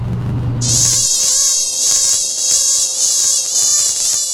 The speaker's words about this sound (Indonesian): Aduh, nyamuk ini banyak apa dalam kamar ini? Aduh. Itu lagi, Bapak. Saya tidak bisa tidur karena nyamuk banyak dalam sekamar.